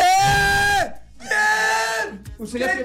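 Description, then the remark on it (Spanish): A man on a phone call with the radio station Los 40 lets out excited, joyful screams: two long, sustained high-pitched yells with a short pause between, then a third shorter burst, loud. “Grite, está emocionado, grite.”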